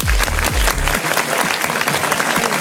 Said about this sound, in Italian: Facciamo un applauso